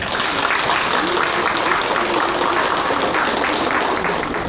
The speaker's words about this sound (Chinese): 那么现在呢，我们掌声有请阿文老师登台。